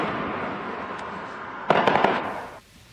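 Fireworks crackle and pop in a quick cluster of four or five sharp bursts over a steady hiss, then fade into a quieter background.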